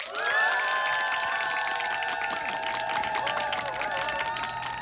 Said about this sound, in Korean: 기상에 성공한 모든 분들께 박수!